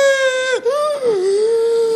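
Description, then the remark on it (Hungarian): A voice imitates a toddler's hiccupy crying, with more breathing than actual crying: a sustained, whiny wail broken by a couple of sharp catching breaths, fairly loud, with the pitch sagging and wavering between gasps. “Amúgy nem egy ilyen hisztis gyerek, tehát félreértés ne legyen, másfél éves koráig neki is volt ez az általános hüpögős írás, ami nagyon idegesítő, amikor tudod, több a levegővétel, mint az effektív sírás.”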